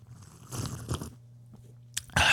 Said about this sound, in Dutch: Ja, ben je er klaar voor? Voor je koffieslurp? Hier komt hij, luid.